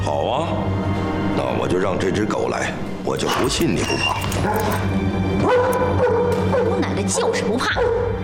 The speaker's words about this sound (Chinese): 好啊，那我就让这只狗来，我就不信你不怕。